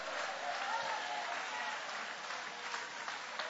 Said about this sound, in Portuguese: Pode tomar o assento, guarda a Bíblia com carinho e aplaude a Deus também com alegria. Aplaude ao Senhor, dai glórias ao nome dEle.